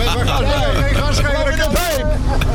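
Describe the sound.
A truck's big exhaust pipe, mounted behind the cab, rumbles steadily through the cab's opened window on a motorway, a deep continuous drone filling the background while voices talk over it.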